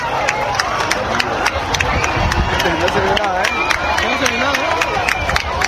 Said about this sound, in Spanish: A las 8:32, tras el fin de la fase total, regresaron los aplausos y los vítores. ¡Guau!